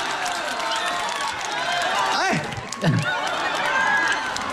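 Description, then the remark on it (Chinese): A live audience claps and cheers in a steady, dense wash of noise, with a voice rising briefly above the crowd partway through. “那边掌声不够热烈的。”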